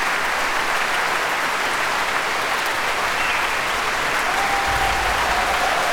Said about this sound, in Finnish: Näin innokkaasti yleisö Helsingin musiikkitalossa Philharmonia-orkesteria kiittää. Illan konsertti oli osa Mikkelin musiikkijuhlia, vaikka nyt Helsingissä ollaankin.